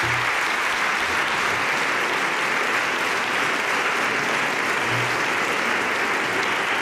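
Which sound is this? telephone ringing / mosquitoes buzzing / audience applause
audience applause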